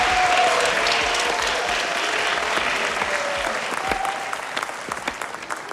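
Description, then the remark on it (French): A studio audience applauds the first contestants of a dance contest steadily, a dense wash of clapping that holds for several seconds before starting to thin out toward the end. “Voici nos premiers concurrents, les applaudissements.”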